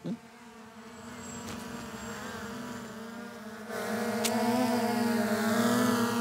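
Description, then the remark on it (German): A model airplane engine buzzes overhead over Wolfratshausen in a steady, high-pitched whine. It swells louder partway through and keeps droning without a pause. No one speaks. “Schau, Luftschlacht über Wolfratshausen! Vorsicht! Land es einmal!”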